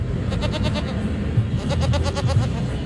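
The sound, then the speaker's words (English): A goat bleats in a series of wavering, nasal calls, loud, with a busy outdoor crowd murmur underneath; one of the goats Carmine and Greta, wearing scarves reading vote, at the Goat to Vote voter registration event at St. Petersburg College. “Students couldn't help but stop by and pet the goat duo, who were decked out in scarves that said vote.”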